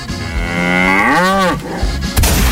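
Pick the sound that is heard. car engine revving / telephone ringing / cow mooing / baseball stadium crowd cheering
cow mooing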